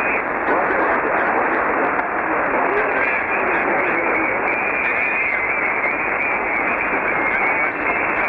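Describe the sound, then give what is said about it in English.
Dense, hissing ham radio static fills the whole stretch at a steady, loud level, band-limited and crackly, with faint garbled voice fragments buried in the interference. “Okay, a lot of static, a lot of QR Mexico, thank you”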